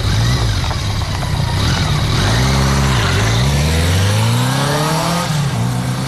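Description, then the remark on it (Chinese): A motorcycle engine revs up loudly, its pitch dipping and climbing a few times before it rises steadily as the bike pulls away carrying a passenger on the back seat, with no voices. “蓝青坐上摩托车，紧紧依偎着肖磊。”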